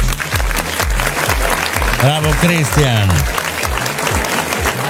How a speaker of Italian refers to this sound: Facciamo un applauso